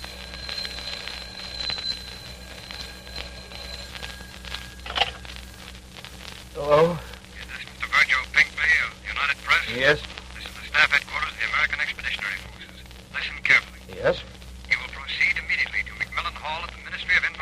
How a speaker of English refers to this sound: This is the story behind the invasion news. It begins in London with a telephone ringing in a darkened apartment.